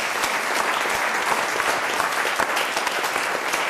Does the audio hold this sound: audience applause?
yes